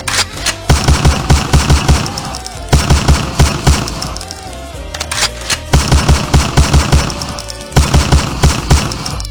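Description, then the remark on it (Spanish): Loud bursts of rapid gunfire sound effects, rattling off in quick machine-gun volleys separated by brief pauses, with no one talking. “Ahí para la Roxanita dice, mami, dale unos balazos al Alan.”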